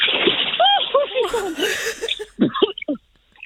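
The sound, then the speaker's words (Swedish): A brief splash of someone jumping into cold water from a low dock, a burst of spray lasting under a second, surrounded by excited voices and chuckling before and after. “Ja då, ett litet plums. Lite plask.”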